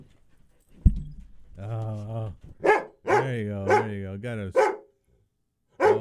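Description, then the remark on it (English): A male dog barks after being asked to bark goodbye: several sharp barks mixed with longer, whining, drawn-out yowls, fairly loud. A person speaks a few words briefly before the barking starts. “do you know how to bark? You going to say goodbye to our listeners?”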